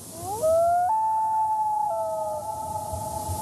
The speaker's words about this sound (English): No, that's not some kind of wolf. It's the haunting song of a common loon.